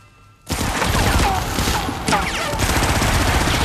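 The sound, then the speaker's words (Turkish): After a brief hush, loud gunfire erupts abruptly and keeps going as a dense, rattling barrage of rapid overlapping shots for about three seconds without letting up. “Ateş etmeyin!”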